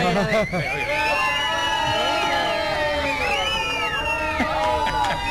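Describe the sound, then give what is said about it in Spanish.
A dense crowd of adults shouting and cheering together, a loud sustained roar of many overlapping voices with rising whoops, continuous for several seconds. “Esa es una bulla de gente adulta.”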